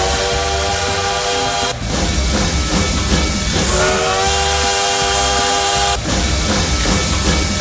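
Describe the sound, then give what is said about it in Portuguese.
A loud, continuous engine roar with a strong harmonic whine that rises in pitch as it revs up midway, like a heavy train engine powering up, steady, with no voices. “o trem bala já tá por aqui, ó, aquecendo os motores!”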